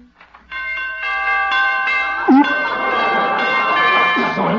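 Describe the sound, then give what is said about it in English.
Door chimes ring out loudly as a door is opened by turning its doorknob, shimmering with layered, sustained metallic tones for several seconds, while a couple of brief voice-like sounds rise over the ringing. “Those door chimes.”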